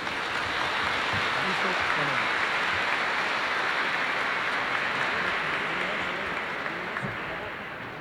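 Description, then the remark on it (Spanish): Sustained audience applause at a religious congress, welcoming a family who are about to open it with a performance: a dense, even wash of clapping that holds steady for several seconds before tapering slightly at the end, with faint crowd voices mixed in. “Vamos a recibirles con un fuerte aplauso, por favor.”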